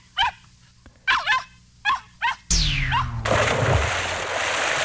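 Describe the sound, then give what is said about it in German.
A young dog lets out five high, yelping barks in quick bursts, before a loud rushing, splashing noise takes over and continues to the end. “Heute nimmt man einen jungen Hund.”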